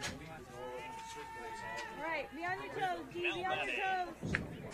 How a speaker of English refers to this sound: Hey, ladies, can you close the door, please? Thank you. Got papers blowing all over the place.